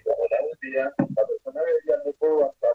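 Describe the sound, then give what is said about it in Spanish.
A phone-in caller's radio or TV plays in the background, carrying a delayed broadcast of the live show with someone talking in steady, choppy phrases at moderate loudness, with brief gaps between bursts of speech. “Está la tele, la radio prendida. Está escuchando todo en delay.”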